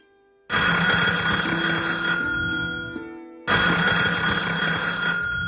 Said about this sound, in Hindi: अरे देखो तो कोई फोन बज रहा है। कोई कौन? नहीं तो जाऊंगा ना उठाने के लिए।